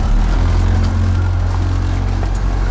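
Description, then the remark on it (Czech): An 8-metre motorboat setting off on the Vltava river during a final exam for a small-craft skipper's licence; its engine runs with a loud, steady low rumble and a droning hum, holding an even pitch throughout with no voices. “před námi stojí na hladině Vltavy 8-metrová motorová loď, ve které vy teď budete dělat svoji závěrečnou zkoušku.”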